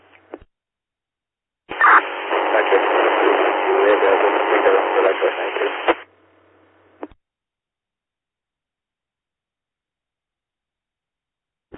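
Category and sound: signal or alarm, radio static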